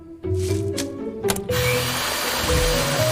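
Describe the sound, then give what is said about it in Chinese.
A machine grinds sprouted malt into a paste for making malt sugar, with a loud whirring motor, starting with a few rattling clicks before settling into a continuous, droning churn that runs to the end. “你们去把它打成糊。”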